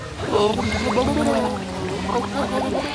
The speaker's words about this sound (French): J'ai ma langue qui repousse l'eau. Et si je souffle, forcément, ça fait des bulles.